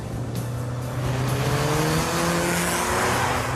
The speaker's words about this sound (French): C'est une petite voiture, mais on a l'impression de conduire un vrai bolide avec un gros moteur.